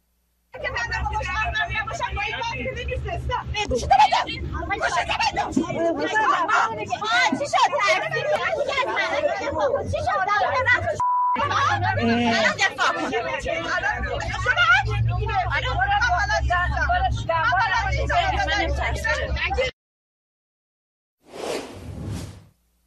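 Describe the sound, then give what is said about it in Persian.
Steady low engine rumble and road noise inside a moving city bus in Mashhad, Iran, with several people talking loudly over it as a government supporter confronts women on board. The sound runs continuously, then cuts off abruptly near the end. “ویدیویی رسیده به ایران اینترنشنال نشون میده یک حامی حکومت در یک اتوبوس شهری در مشهد با زنان درگیر شده و بعد از اون که متوجه میشه یکی از اونها در حال فیلم برداری است به سمت او حمله ور میشه.”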